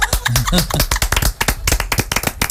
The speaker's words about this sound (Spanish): Y aplausos.